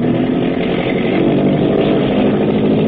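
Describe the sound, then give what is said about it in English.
A boat engine roars loudly and steadily as the boat opens up its throttle at nightfall on reaching deep water, a dense, rough, buzzing drone with a low throbbing rumble, holding at full power for the whole stretch with no voices. “The Long Tom up ahead digs her stern down and begins throwing up a bow watch. Hackett is opening up.”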